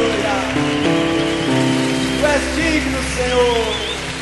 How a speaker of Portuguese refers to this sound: Vamos todos ficar de pé, vamos celebrar a Jesus e a nossa vitória. Vamos dar uma salva de palmas bem forte ao Rei dos Reis.